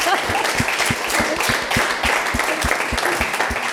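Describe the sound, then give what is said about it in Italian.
An audience applauds steadily, with dense, continuous clapping and a few distinct sharper claps standing out rhythmically. The sound stays fairly loud and even for the whole stretch, with no one talking. “Allora, applauso a questa simpatia.”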